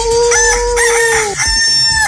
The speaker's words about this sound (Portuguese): todo mundo ouvindo, falou, solta o galo, hein?